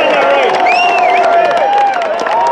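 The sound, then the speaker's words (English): A large crowd at the Irish Open golf tournament at Trump Doonbeg cheers and applauds loudly for golfer Shane Lowry, leading going into day 4, with sustained shouting voices and a steady patter of many hands clapping, the whole roar holding at an even level. “And that's a cheer there for Shane Lowry, of course, who is leading reasonably comfortably going into day 4 of the Irish Open at Trump Doonbeg.”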